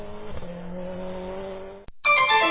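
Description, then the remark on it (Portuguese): A car engine hums steadily and loudly, its pitch creeping slightly upward, then cuts off abruptly before a bright, high-pitched screech, like tires squealing, bursts in near the end. “Que grande máquina!”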